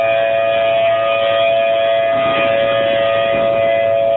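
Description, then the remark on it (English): A loud, steady outdoor tornado warning siren in Oklahoma City, Oklahoma, wails continuously during its weekly Saturday test, holding a sustained tone with a faint rise and fall, with no voices present. “Severe weather is the norm there, so the city's tornado sirens are tested every Saturday.”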